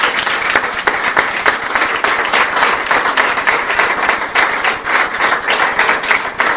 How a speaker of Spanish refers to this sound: Yo no sé si te queda un aplauso al Señor, pero Él se merece toda la gloria, ¿no?